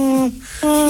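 A little owl hoots twice, fairly loud, each call a steady, clear tone separated by a brief pause. No one speaks.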